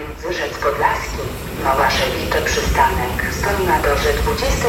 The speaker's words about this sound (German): So, die S-Bahn fährt jetzt gerade ein hier.